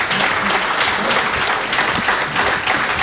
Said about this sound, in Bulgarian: Аплодисментите за тяхните творци.